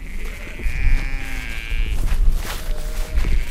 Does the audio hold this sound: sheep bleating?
yes